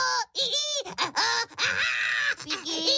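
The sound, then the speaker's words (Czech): A voice mimics the shrill screech of baking paper, producing a series of squealing, wailing vocal bursts with quick pitch swoops over about three seconds, fairly loud. “S ječícím papírem. A papír vám krásně zaječí. Takhle.”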